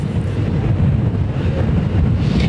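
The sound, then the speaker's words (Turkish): Loud, continuous, extremely strong wind roars and buffets an outdoor microphone during a field news report above Sarıceli village, so strong it is hard to stand, with near-zero visibility; a dense low rumble with rushing hiss that swells slightly near the end; no voices are heard. “gerçekten inanılmaz rüzgar var. Ayakta durmakta zorlanıyoruz gibi hissediyoruz biz de.”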